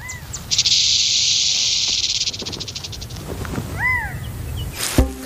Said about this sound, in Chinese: 这个词通常用来描述草蜢和蟋蟀腿部摩擦翅膀，或翅膀相互摩擦来歌唱，或者是响尾蛇的尾巴发出的警告声。